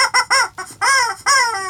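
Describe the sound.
On a children's radio program, a voice imitates a chicken clucking, as the chicken saying rain is coming again: a few quick, clipped clucks followed by two longer, drawn-out squawking calls, loud, with no other speech.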